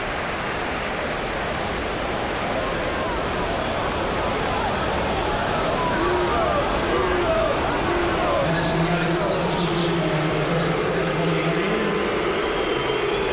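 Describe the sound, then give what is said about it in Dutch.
A large stadium crowd keeps up a dense, steady roar, and a sustained low-pitched chorus of booing swells through the second half as fans boo the substitution of Menu for Mason Mount. “Boegeroep voor de wissel van Menu.”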